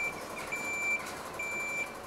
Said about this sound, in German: Gerade! Gerade! Jetzt rum! So, jetzt wieder gerade! Die Feuerwehr bringt ihren Leiterwagen in Position.